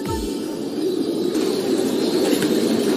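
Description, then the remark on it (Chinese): A steady, dense murmur of many farmed White King pigeons, raised for over three months and able to fly freely, cooing together, with soft wing flapping mixed into a continuous low rustling texture. No one speaks. “养殖了3个月以上的白羽王已经能自由飞行了”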